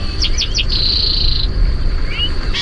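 Backyard bird song: a quick series of three or four high chirps, then a sustained high trill, and a brief rising whistle, over a steady low outdoor rumble. No talking.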